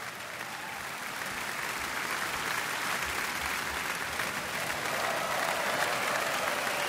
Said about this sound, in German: Und dafür gibt es jetzt nochmal viel Applaus hier in Kiel.